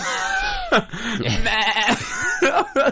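Goats bleat loudly, a run of wavering, quavering cries that overlap and follow one another with brief breaks, no talking over them.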